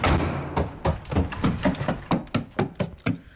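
A stuck door whose key will not turn is pushed and rattled in its frame, giving a quick irregular run of dull thumps and knocks, with no voices.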